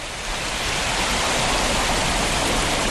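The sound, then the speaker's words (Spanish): Waterfalls cascading at the source of the Cuervo River in Cuenca province, Spain, a dense, steady roar of rushing water that holds constant and fairly loud throughout, with no voices or other sounds breaking through. “Este es el sonido de las cascadas del nacimiento del río Cuervo.”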